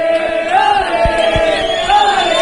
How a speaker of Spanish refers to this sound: Este vídeo, estas imágenes y este sonido es el recibimiento de los aficionados al autobús del Rayo cuando llegaban al hotel.